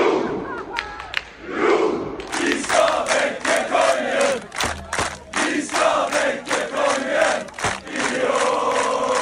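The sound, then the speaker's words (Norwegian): A large, loud crowd of football fans cheers and chants in the streets of Oslo, Norway, at night after Norway's World Cup win over Senegal, rhythmic shouting swelling in waves, with occasional thumps and a brief dip before the roar returns. “Det var full fest og stormende jubel I Oslos gater etter seieren I natt.”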